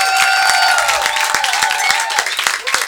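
An audience applauds steadily as band musicians, a tenor saxophonist and then a trumpeter, are introduced: dense crisp claps overlapping into a loud, continuous patter, with a sustained voice or cheer sounding over the clapping during the first couple of seconds.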